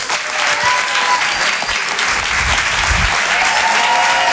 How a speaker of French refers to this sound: On va l'applaudir très très fort lui aussi, s'il vous plaît. Voici Karim Duval.